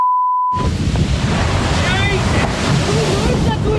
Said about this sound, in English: An explosion of whale whitewater and understandable expletives.